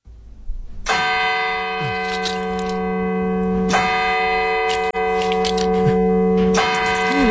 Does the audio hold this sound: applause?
no